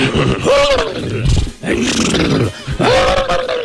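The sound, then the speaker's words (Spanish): A man's voice imitates horses, giving three loud, rough bursts of whinnying and snorting with rising and falling pitch, one after another with brief gaps between them. “Se fueron allá y los caballos hacían así, ¿no?”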